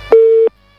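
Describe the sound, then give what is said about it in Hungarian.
A single steady telephone busy tone, heard after a caller hung up during a radio call-in, beeps loudly for about a third of a second, then cuts off into near silence. “Aki közben letette a telefont, na, reméljük, hogy hamarosan visszahív minket.”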